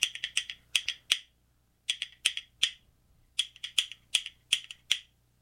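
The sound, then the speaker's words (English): Rhythmic clicking of real cow bones from a cow's rib cage, clicked together with one hand as a percussion instrument: quick bursts of sharp, bright clacks in triplet-like groups, separated by short pauses, with no voices. “These two things that I am clicking together with one hand, by the way, not two hands, are called bones.”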